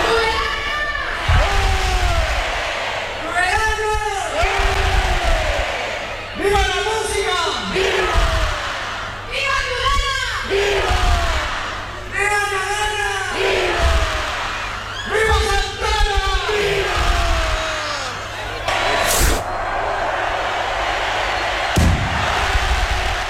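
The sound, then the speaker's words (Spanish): A large, loud crowd in Tudela cheers and chants at the opening rocket of the 2026 Santa Ana festival, set off from a balcony by the Fernando Remacha Music School, in repeated swelling shouts, voices rising and falling in waves, with a sharp bang cutting through near the end. “Y este sábado, segundo día de fiestas en Tudela, fiestas de Santa Ana 2026, que empezaban así.”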